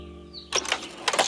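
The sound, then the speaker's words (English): A cash register drawer in a shop slides shut after the money in it is counted, with two quick bursts of rattling, metallic clatter, following a moment of low steady hum. No one speaks. “Now, from where I was standing, I couldn't quite make out all of his movements, but as I heard the cash drawer close, I decided to make my presence known.”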